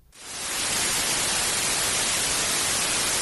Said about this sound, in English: We're still broadcasting because our listeners refuse to let us go dark. We don't want to hear the static.